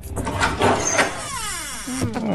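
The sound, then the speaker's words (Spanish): The door of an empty, plugged-in refrigerator swings open with a drawn-out, squeaky creak, its hinges lacking lubricating oil, sliding downward in pitch, fairly loud, with some clattering rattles mixed in. “Eso digo yo, se echan de menos una cervecita fresquita y un poco de aceite lubricante en la puerta, que chirriaba como el ataúd del Conde Drácula”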